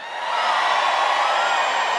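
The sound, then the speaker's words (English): A large audience, from up front to way in the back on the hill, screams and cheers on a 3, 2, 1 count in one sustained, loud roar, a dense high-pitched wash of voices that swells in quickly and holds steady with no talking over it. “Let me hear you scream!”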